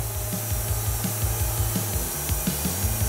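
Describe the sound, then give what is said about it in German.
Inside a wood-processing hall, a power saw roars steadily through a log, cutting wooden planks. It is loud, its motor whine holding constant with a gritty, rasping edge and small rhythmic pulses as the blade bites. “Säge an und Vollgas.”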